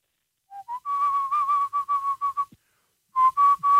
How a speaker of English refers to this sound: That was the pan flute from The Lion King.